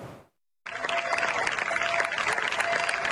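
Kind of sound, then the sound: crowd, residents applauding emergency crews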